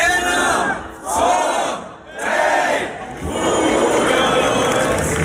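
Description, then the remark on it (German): A large crowd at the Lullusfest in Bad Hersfeld roars and shouts in loud, sustained bursts, swelling and dipping briefly twice before surging again into continuous cheering and hollering. “Typisches Geräusch ab heute in Bad Hersfeld. Ja, es ist wieder die Zeit, es ist Lullusfest.”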